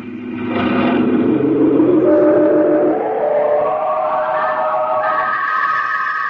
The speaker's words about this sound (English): Third picture, bottom row, Donald is standing beside the truck, which is loaded high with the packages that Donald has given to the burglar. And then the truck drives off.